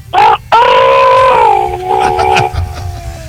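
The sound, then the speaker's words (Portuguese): A rooster crows once, loud: a short opening note, a brief break, then a long drawn-out call that slowly falls in pitch and fades, with faint background noise. “E o galo? O galo não tem galo aí, não?”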